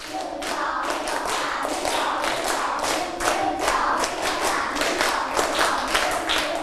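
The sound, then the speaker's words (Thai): A group of children clap their hands in three sets, in a dense, ragged rhythm, the claps not quite together, with steady beats repeating for several seconds and no talking. “ปรบมือ3ชุดไม่ผ่านเพราะว่าไม่มีเสียงพูดออกมาด้วยมันก็จะไม่พร้อมกันคราวนี้ปรบมือ3ชุด”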